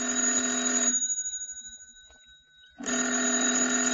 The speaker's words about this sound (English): the phone. It's ringing.